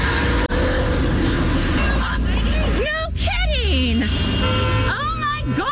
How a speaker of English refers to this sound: So, again, just a warning, there is a honk in here, so I don't freak you out. This lady's crazy.